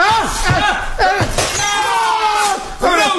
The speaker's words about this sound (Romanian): Am spart vaza, mă omoare nevastă mea.